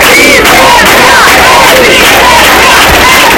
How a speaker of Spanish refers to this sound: Al grito de resistencia, decenas de personas se concentraban bajo el lema "Por todas las Mari Carmen"